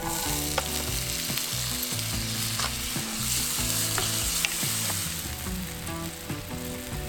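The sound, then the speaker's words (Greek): Boiled chickpeas, onions and garam masala sizzle in extra virgin olive oil in a frying pan, a steady, loud crackling hiss with occasional stirring clicks, while melodic background music plays underneath throughout. “Ρίχνουμε το μείγμα γκαραμ μασάλα να βγάλει τα αρώματά του. Εδώ καίει πολύ, δεν θα χρησιμοποιούμε παραπάνω και ρίχνουμε τα ρεβίθια τα βρασμένα.”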